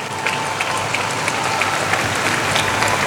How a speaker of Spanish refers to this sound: Bueno, ese aplauso para el grupo de Colombia.